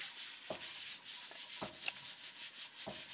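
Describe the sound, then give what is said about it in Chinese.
Scissors snip through dried Liuyang vermicelli sheets, cutting them up to be stewed with black goat meat, a few crisp cuts spaced about a second apart over a constant dry, papery rustle. “粉皮剪碎”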